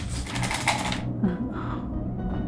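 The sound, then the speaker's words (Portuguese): A pen scratches hard against paper for about a second, a dry rasping scribble that fails to catch, then only a low background hum remains. “Aí, caneta não escreve aqui.”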